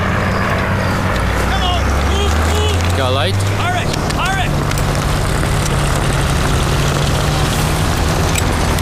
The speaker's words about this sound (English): Get on the truck and carry those wooden soldiers onto the transport plane. Quick, come on. Go, go. Get on the transport plane.